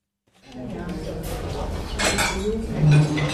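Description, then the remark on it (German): Dishes and cutlery clatter and clink steadily in the kitchen of a small restaurant, a busy mix of sharp metallic and ceramic knocks under a low murmur of indistinct voices, growing slightly louder toward the end. “Eine Küche, ein paar Tische und Stühle, ein kleines Lokal.”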